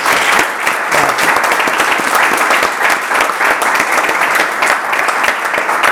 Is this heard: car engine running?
no